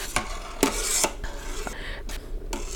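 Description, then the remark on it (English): A metal spoon scrapes and taps against a pot in several quick strokes as foam is skimmed off boiling chana dal, with a steady bubbling hiss of the boiling water underneath, moderately loud, no voices. “So now you can see the water is boiling in the chana dal. And this is where I'm going to be skimming it off.”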